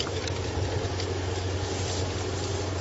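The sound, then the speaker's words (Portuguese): A car engine rumbles with a steady low hum and a broad wash of noise, holding an even loudness throughout the short stretch, with no voices. “Ah, deve ser o carro do homem dos números.”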